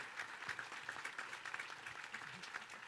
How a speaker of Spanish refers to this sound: Le damos un aplauso de recibimiento